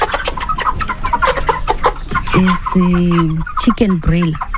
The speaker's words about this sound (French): Ce sont des poulets de chair. J'en ai de 2 catégories, 50 petits et 60 gros. Au total, j'ai 110 poulets.